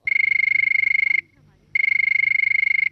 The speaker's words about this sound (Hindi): तो मुझे सुनाई दे रही है फ़ोन की घंटी और देखते हैं कि कौन है हमारी पहली कॉलर।